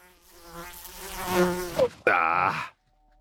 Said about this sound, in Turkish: Lanet sinek kulağıma girdi.